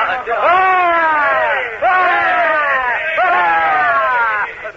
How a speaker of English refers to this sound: Ah! You hear, men? Three cheers for our host, the Commodore.